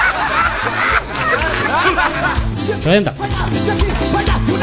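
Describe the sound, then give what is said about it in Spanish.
A large flock of turkeys gobbling all at once, a dense, loud chorus of overlapping warbling calls with rising and falling squawks, continuous throughout. “Sí, justamente con los pavos.”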